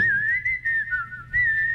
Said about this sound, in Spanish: Chifla bonito.